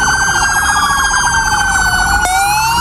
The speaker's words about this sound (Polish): A na początek hołd dla sierżanta Natana Sieronia, który tragicznie zginął podczas służby. W całym kraju zabrzmiały dzisiaj syreny policyjnych radiowozów.